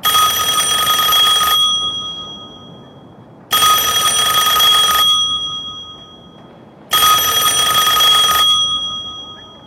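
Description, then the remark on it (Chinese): An old-fashioned telephone bell rings loudly and insistently, three long metallic rings with short pauses between them, each ring fading briefly before the next begins. No one speaks. “电话铃急促地响了起来，星际小姐走到电话机前。”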